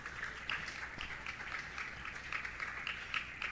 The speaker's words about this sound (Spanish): Amén, gracias, pastor. Bien, fuerte aplauso para Dios, amén.